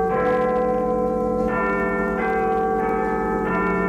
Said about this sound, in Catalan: Els veïns fa un any van votar a favor de mantenir el toc de campanes de l'església de Sant Llorenç